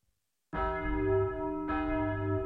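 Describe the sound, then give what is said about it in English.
A school bell in France, 1809, rings out loudly to end class in two sustained, resonant strokes after a brief silence, the second strike renewing the bright metallic tone before it lingers. No one speaks. “There's the bell, boys. So that will be all for today.”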